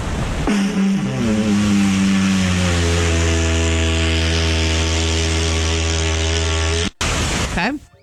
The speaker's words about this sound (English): Here's this guy playing the didgeridoo on a beach. Here he goes.